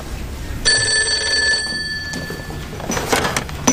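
An old-fashioned telephone bell rings with a bright, sustained metallic trill, fading out after about a second, followed by faint room noise and shuffling.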